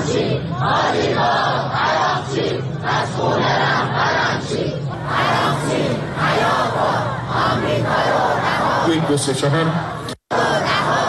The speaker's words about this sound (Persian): در حالی که پیش از سفر هیئت مذاکره کننده اعتراض به این مذاکرات به خیابان‌ها کشیده شده بود، با پایان گفتگوها مخالفان دولت حملات خود را تشدید کردند.